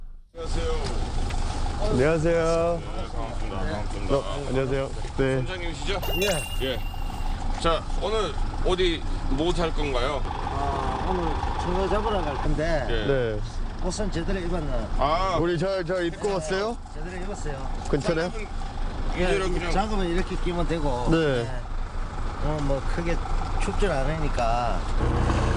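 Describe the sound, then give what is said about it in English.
A fishing boat engine drones steadily and loudly throughout as the boat departs Tungpo Port at dawn onto the East Sea in a chilly wind, a constant low mechanical rumble with voices talking over it the whole time. “The boat finally left.”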